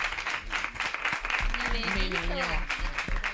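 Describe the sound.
Steady applause from a small group for the show's director fills the whole moment, dense, with voices talking and cheering over the clapping partway through.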